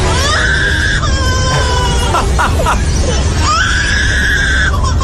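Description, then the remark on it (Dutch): A lyrebird mimics human voices, producing loud, scream-like wailing cries: one drawn-out call near the start, choppy bursts in the middle, and another long wail near the end over constant background noise. “Dat is een vogel die imiteert weer mensen.”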